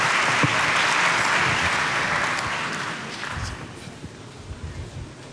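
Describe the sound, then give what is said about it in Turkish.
An audience claps steadily as Turkish government ministers and the South Korean ambassador in Ankara are invited onto the stage, a dense, sustained wash of applause that gradually thins and softens toward the end, with scattered individual claps remaining and no voices. “Milli Eğitim Bakanımız Yusuf Tekin'i, Sağlık Bakanımız Sayın Kemal Memişoğlu ve Kore Cumhuriyeti'nin Ankara Büyükelçisi Sayın Suk Jong-Boon'u alkışlarımızla sahneye davet ediyoruz.”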